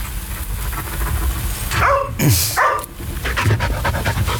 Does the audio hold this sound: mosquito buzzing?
no